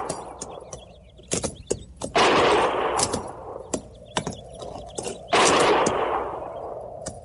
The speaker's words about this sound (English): Didn't sound like no regular shooting.